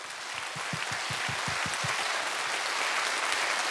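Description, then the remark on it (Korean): Sustained audience applause for young Korean traditional (gugak) musicians after a haegeum ensemble performance, dense clapping from many hands with a few distinct rhythmic claps early on, steady and fairly loud throughout with no talking. “영남 국악의 미래를 짊어지고 갈 젊은 국악인들에게 여러분 다시 한번 뜨거운 박수 부탁드립니다.”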